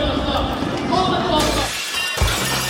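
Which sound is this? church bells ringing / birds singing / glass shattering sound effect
glass shattering sound effect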